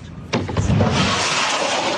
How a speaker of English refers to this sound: This video from a playground in Ukraine shows a woman sheltering a toddler as a jet-powered Russian drone rips through the sky over Kyiv. It's the terrifying sound of a new weapon, which Russia unleashed across Ukraine's capital.